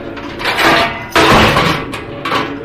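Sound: heavy door slammed shut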